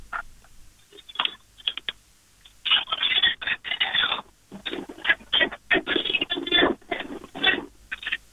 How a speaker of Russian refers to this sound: Шуршание. Это звуки скорее стиральной машинки, я так понимаю.